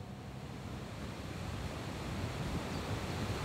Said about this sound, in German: Die Gilfklamm in Meran. Der Fluss Passa schäumt durch diese Felsschlucht.